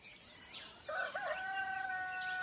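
A rooster crows loudly, a single drawn-out cock-a-doodle-doo rising and holding, with faint birdsong and outdoor ambience behind it.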